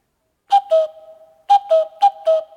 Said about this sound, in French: Oh, le coucou ! Où est-ce qu'il se cache ?